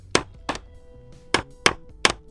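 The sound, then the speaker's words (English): Five sharp hammer blows land on wood while a wooden coffin is being built, falling in an uneven rhythm with a brief pause after the second strike, each a crisp, loud knock with no talking. “Getting a quick hammer in there.”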